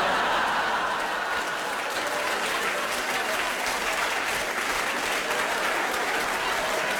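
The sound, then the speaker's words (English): A crowd applauds steadily for several seconds, a dense wash of clapping at a constant loudness, with a few scattered cheers and chuckles mixed in, after being asked to cheer if they are diabetic. “Give me a cheer if you're diabetic.”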